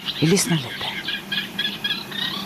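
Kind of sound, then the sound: bird, reed warblers singing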